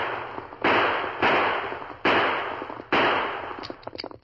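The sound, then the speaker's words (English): Four loud gunshots, fired by a man on a fast horse in the woods until his gun is emptied, crack out at uneven intervals, each leaving a long rumbling tail, followed by a scatter of faint, quicker pops at the end. “The fast pace of his horse spoiled his aim, and having emptied his gun, he spurred his horse in the effort to get away.”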